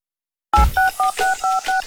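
A quick run of about six telephone keypad dialing tones, each a short two-pitched beep in a steady rhythm, loud, following a brief moment of silence, in a Selangor FM radio jingle about speed-dialing the station on a smartphone.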